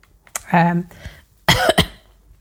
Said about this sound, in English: excuse me. Got a bit of a, bit of a cough going on. I think I need another drink. Oh, dear. I hate that when you're busy talking and you get a bit of a cough. I hate that.